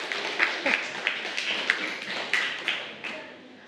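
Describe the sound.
Students in a classroom clap together for a classmate for a few seconds, a dense patter of hand claps punctuated by sharper accented beats, with faint voices underneath before it tapers off.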